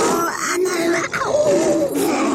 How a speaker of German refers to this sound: Wissenschaftler haben das übrigens mal gemessen. Das Brüllen eines Tigers ist manchmal mehr als 100 Dezibel laut.